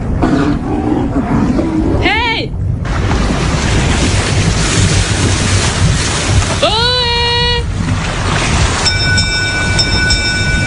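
A boat approaches from a distance, its engine rumbling steadily beneath splashing water, while a couple of long, wavering horn blasts sound and a faint steady tone lingers near the end.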